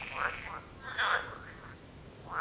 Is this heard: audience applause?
no